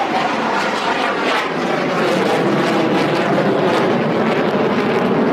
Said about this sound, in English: right now you can actually hear one of those fighter jets just flying over